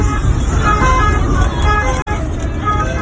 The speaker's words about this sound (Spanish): Es el sonido de esa misma noche dentro de un coche de la Guardia Civil y de una ambulancia.